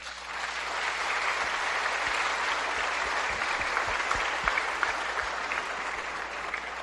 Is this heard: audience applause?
yes